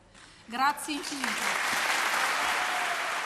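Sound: audience applause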